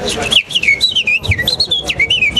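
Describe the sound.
A person whistles a quick, warbling birdsong imitation of a warbler, a continuous string of rising and falling chirpy notes, fairly loud, running for a couple of seconds.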